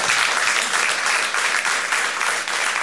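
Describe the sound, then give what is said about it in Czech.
A crowd claps steadily and loudly for a few seconds for a director, a dense, even wash of many hands applauding without pause. “Zatleskáme mu.”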